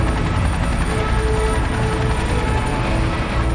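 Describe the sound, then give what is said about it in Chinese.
Seventeen helicopters fly over together in formation, forming the 'Bayi' (August 1) emblem at a military review parade, their rotors making a steady, loud low-pitched roar and throbbing drone that stays constant throughout, with a faint high whine on top and no talking. “17架直升机组成八一标志，象征着人民军队的八一起点。”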